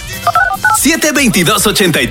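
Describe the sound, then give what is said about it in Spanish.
Three quick telephone keypad tones beep in succession, steady dual-pitched chirps, before a voice starts talking over the rest. “Recuerde por ahí, oye, el llamadito telefónico, ¿qué numerito, guaso?”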